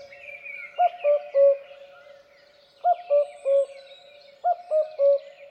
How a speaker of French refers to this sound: généralement le coucou, on a l'habitude de l'entendre qui fait coucou, coucou, avec deux notes